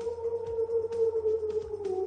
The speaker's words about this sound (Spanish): El lobo que aúlla desde el bosque platense. Escucha, escucha.